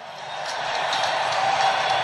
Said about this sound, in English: The crowd is still intense, but the game is turned in the second period in favor of the visitors.